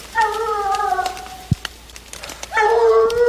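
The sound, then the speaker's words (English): Hunting dogs bay on a mountain during an afternoon deer hunt, two long, drawn-out howling calls separated by a short pause, harmonic and wavering, carrying clearly. “the hunt in the afternoon, we suddenly hear the sound of hunting dogs on the mountain.”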